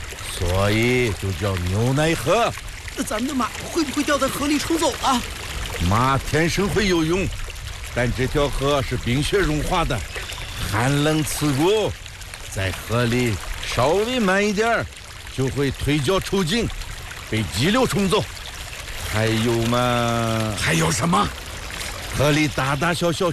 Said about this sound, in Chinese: 这条河就是牛奶河吧？ 对对对，每年夏天，融化的雪水从源头奔腾而下，带着天山上的碳酸钙岩石粉末，把河水染成了白色。